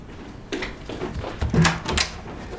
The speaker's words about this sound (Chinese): 哦，没事，表姨，我去开门吧。